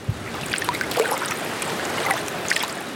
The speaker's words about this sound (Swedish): Ja, ni har ju älven här utanför det stora vardagsrumsfönstret. Ja. Jo, det är inte långt dit, nej.